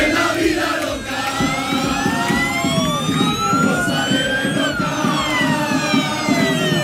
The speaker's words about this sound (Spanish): La expectación es tal que fíjense cómo despidieron ayer por la tarde cientos de aficionados del Málaga al equipo cuando salía en autobús rumbo a Almería.